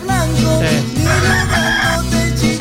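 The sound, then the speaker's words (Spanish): A rooster crows loudly, its drawn-out, wavering calls filling the whole stretch with barely a pause between them. “Ese gallo, sí.”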